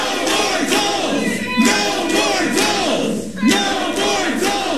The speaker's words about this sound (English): Most of the speakers were against the project, and Mayor Rob Harrington had some removed from the chamber for being disruptive and shouting down council members.